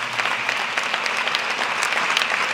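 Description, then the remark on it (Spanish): An audience applauds steadily at a fairly loud level without pause, dense overlapping claps with no speech over it, applause called for in honour of the love of God manifested in Christ Jesus. “Dele un aplauso al amor de Dios manifestado en Cristo Jesús.”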